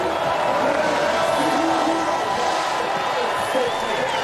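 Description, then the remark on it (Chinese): A large crowd of spectators at an alpine skiing downhill race cheers and shouts as Odermatt makes his final sprint to the finish, in a steady, dense roar that holds at an even, loud level throughout, with occasional higher calls rising above the din. “好的，马特最后的冲刺，现场的观众也用欢呼声在等待着他，1分52秒31。”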